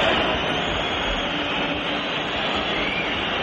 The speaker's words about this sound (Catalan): I l'afició del Bernabéu, com sentim, va tornar a xiular el seu equip, sobretot després del 3-1 de Sergio Camello pel Rayo al minut 51.